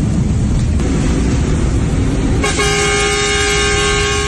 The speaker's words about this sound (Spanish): Una bocina que hoy significa despedida. Un adiós en memoria de Luis Ángel Mateo, quien había sido camionero desde sus 18 años.